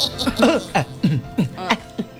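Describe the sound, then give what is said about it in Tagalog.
A run of about seven short, throaty coughs in quick, fairly even succession, moderately loud, each burst carrying a rough voiced edge. “Ubo na sa karunya.”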